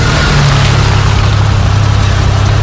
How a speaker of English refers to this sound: We're talking engine idling